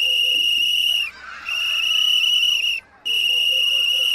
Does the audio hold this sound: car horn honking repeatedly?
no